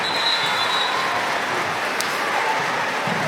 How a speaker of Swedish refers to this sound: Duell mellan Sandberg och nämnda Bregård är det som får publiken att vissla.